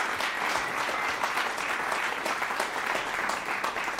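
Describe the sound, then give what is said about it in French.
Sustained applause from an audience, a dense steady patter of many hands clapping at fairly even loudness for the whole stretch, with no one speaking over it. “Je veux l'applaudir très fort.”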